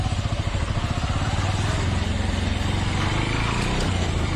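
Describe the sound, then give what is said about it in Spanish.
A motorcycle engine runs loud as the motorcycle drives away, its rough, rapid pulsing holding steady throughout with no other sounds standing out. “El de la moto se llevó el boleto.”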